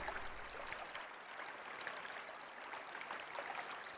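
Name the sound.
flowing river water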